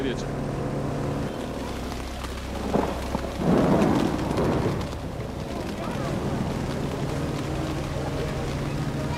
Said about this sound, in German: Für die größeren Kinder ist das aufziehende Gewitter noch ein Spaß.